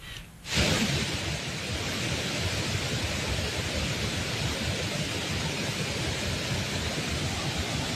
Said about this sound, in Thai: สภาพน้ำป่าที่ไหลหลากบริเวณน้ำตกแม่สาในพื้นที่อุทยานแห่งชาติดอยสุเทพปุยจากฝนตกหนักในพื้นที่จังหวัดเชียงใหม่